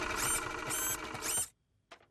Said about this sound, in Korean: 그런 다음 프린터로 뽑는 거야. 페파, 너도 한 장 뽑아줄게.